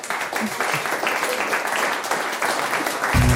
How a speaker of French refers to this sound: On peut l'applaudir. Bravo.